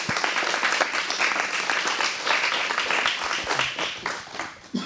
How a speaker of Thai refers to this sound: ขอเสียงปรบมืออีกครั้งให้กับนักแสดงและนักร้องของพวกเราด้วยค่ะ